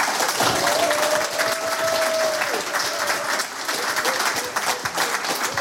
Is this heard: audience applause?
yes